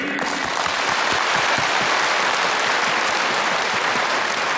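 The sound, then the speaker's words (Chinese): A large crowd applauds warmly, a dense, steady wash of clapping that stays loud and even for about four and a half seconds, with no voices over it. “我想我们应该用最热烈的掌声向这片热土和这片热土上的人民致敬。”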